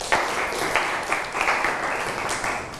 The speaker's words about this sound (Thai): ครับปรบมือเพื่อนหน่อยครับ